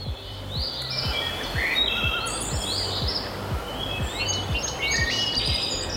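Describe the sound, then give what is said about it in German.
Birdsong fills a tree-covered dune forest along a hiking trail, with several birds chirping and trilling at once over a steady background hush and faint low ticking. “Lass dir Zeit, pack das Handy in die Tasche und hör mal, Vögel und sonst nichts.”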